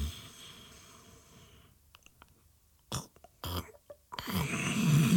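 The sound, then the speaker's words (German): A man snoring: a low, rattling breath drags on, then after a short pause come a few sharp snorts and a louder, rougher inhale. “Rauch steigt aus dem Rollladenkasten, in dem ein nicht weiblicher Körper geborgen unter dem Dach seines eigenen Gehirns schnarcht.”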